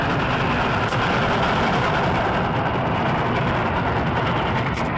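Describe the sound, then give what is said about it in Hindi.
A train passes near a village in a scene from the film Pather Panchali, a loud, dense, continuous roar of engine and rolling noise that holds steady for several seconds with no voices. “पहली बार गांव के नजदीक से गुजरती छुप छुप रेलगाड़ी को देखने के लिए।”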